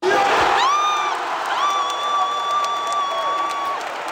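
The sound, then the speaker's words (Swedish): A crowd gathered in a church erupts in loud cheering at Sweden's third goal, a steady roar of voices with long, high-pitched sustained yells ringing above it for the whole few seconds. “då kom Sveriges tredje mål i kyrkan, och då lät det så här.”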